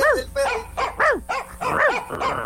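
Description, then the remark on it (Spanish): A dog barks in a rapid run of about six high, yelping barks, each rising and falling in pitch, loud, with no one talking over it. “Perro que ladra.”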